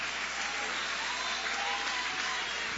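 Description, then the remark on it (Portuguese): An audience at a worship service claps steadily, applauding God, a dense wash of many hands at an even loudness throughout, with no voices standing out above it. “Pode tomar o vosso assento, guarda a Bíblia com carinho e podem aplaudir a Deus com alegria. Isso, pode aplaudir, pode louvar, podem exaltar.”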